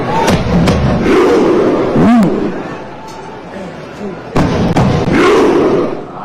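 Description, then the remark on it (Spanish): A stadium crowd of Norwegian fans performs a viking thunderclap chant, a variant of the Icelandic viking thunderclap, miming rowing: loud, booming unison claps and shouted grunts at spaced intervals over a roaring, swelling mass of voices. “Y hasta ahí llega el ritmo y la musicalidad de estos gritos.”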